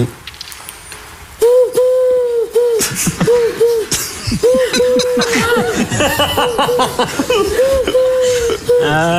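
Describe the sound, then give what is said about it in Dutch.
A parrot imitates a dove's cooing with a series of loud hooting calls, repeated in a rolling rhythm over breathy, chuckling sounds. “Dat is een papegaai die een duif nadoet.”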